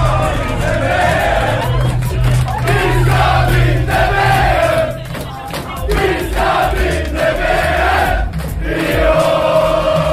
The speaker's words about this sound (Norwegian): Det ble full jubel også her i byen da Norge slo Brasil og tok seg til kvartfinalen i fotball-VM. Supporterne jublet og sang og klemte hverandre etter den historiske seieren.